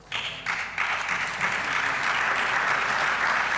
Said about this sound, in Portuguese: De novo, palmas das bancadas do PSD, do CDS e do Governo para esta intervenção de João Mendonça no âmbito deste debate de urgência do Chega sobre o estado da educação nos Açores, que está a decorrer na sede do Parlamento, na cidade da Horta.